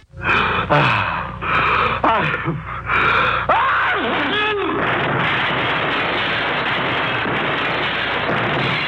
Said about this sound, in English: Take back that sneeze. Let's cover it with a Kleenex man-sized tissue.